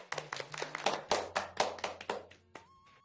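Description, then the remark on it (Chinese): Applause heard as a steady run of about a dozen sharp, evenly spaced claps, fairly loud, with no voices; the claps fade and a thin high tone lingers at the end. “以此类推， 掌声。”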